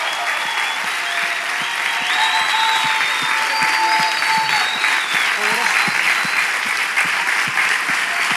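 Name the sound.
loud applause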